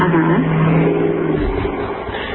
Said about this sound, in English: I sure as hell hope that truck just drove through your goddamn closet. You wouldn't believe that it did.